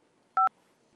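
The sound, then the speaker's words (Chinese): A single short telephone keypad DTMF tone, pressed during a call to a voicemail menu: a crisp dual-pitched beep lasting about a tenth of a second, loud against a quiet background with no voices. “传送其他电话号码，揿二字留言。按三字或者等等。”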